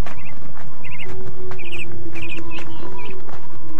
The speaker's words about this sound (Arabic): وينظر إلى العصافير التي تحط على القصبات وهي تغرد مع صفير الريح.